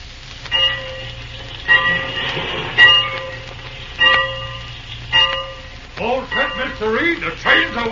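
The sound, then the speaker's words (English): A train idles at a station with a steady low rumble, a bell clanging at intervals, and voices talking near the end. “The train's awaiting.”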